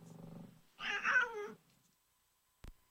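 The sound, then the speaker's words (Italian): A cat named Arturo lets out a loud, drawn-out meow with a wavering, whiny pitch at the end of a song, preceded by a low murmur and followed by a single sharp click. “E col miagolio di Arturo si chiudeva questo brano”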